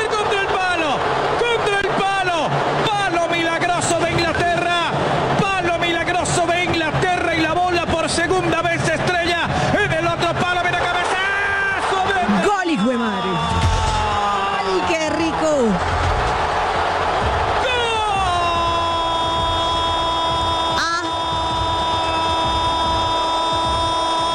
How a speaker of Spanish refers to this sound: Escuchen todos los argentinos gritando, enloquecidos.